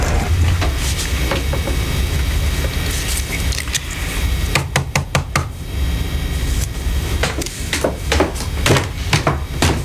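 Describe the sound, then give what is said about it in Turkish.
A father taps a pen sharply against a hard surface, mistaken for a knock at the door: scattered crisp clicks, then a quick burst of about five in a row, over a steady low rumble with no one talking. “Kapı mı çaldı babam? Biri mi geldi? Ha, yok kızım, kalemi vurdu.”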